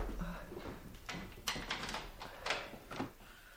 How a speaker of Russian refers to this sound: Ну, на всякий случай я закрою дверь.